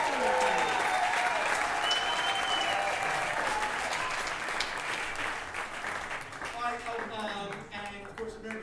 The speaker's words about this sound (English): Let's give a round of applause for Betsy Ross, your grand old flag.